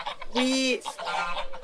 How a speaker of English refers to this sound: These are the roosters. They're really loud.